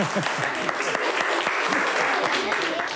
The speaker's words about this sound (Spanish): Venga, un aplauso